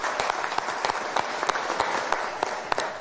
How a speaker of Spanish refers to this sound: También a él le animamos con un caluroso, fuerte aplauso hoy en su día, su cumpleaños.